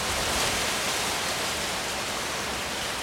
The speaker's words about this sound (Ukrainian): Одного дня налетів сильний вітер.